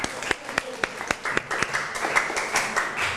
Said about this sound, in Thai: ถูกต้องปรบมือให้ตัวเองหน่อย